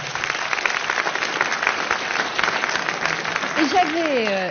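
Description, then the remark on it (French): A crowd applauds steadily, a dense wash of clapping that carries on for several seconds before a voice begins speaking over the tail end. “Ça mérite un petit applaudissement.”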